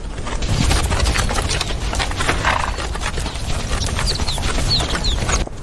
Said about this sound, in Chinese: 西藏野驴腿部粗壮，有极强的耐力，长距离奔跑，一天能行进数十公里。